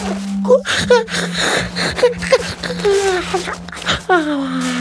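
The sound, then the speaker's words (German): A loud, drawn-out yawn from the Little King (Der kleine König) as he settles in his bed to sleep, voiced with breathy gasps and a wavering moan that rises and falls, over a steady low hum. “Der kleine König gähnt noch mal kräftig.”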